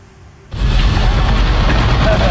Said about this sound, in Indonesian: Sementara itu, kebakaran juga terjadi di sebuah pabrik minyak goreng di Jambi. Api berkobar besar membumbung tinggi bahkan mengeluarkan suara ledakan beberapa kali.